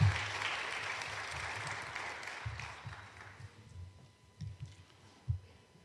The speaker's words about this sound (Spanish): Denle un aplauso al Señor Jesucristo, hermanos.